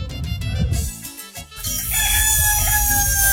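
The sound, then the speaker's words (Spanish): A rooster lets out a loud cock-a-doodle-doo, its drawn-out strained crow filling the second half after a short burst of scratchy clucking and rustling. “para el gallo que ya colgó los tenis.”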